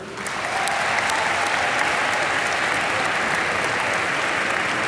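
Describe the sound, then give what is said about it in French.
Exam candidates applaud themselves at the end of a written test at 16:30, the applause rising quickly and then holding steady as a dense, sustained patter of many hands clapping, with no talking over it. “Et on est allé jusqu'au bout, donc je voulais vous en remercier et je pense qu'on peut s'applaudir.”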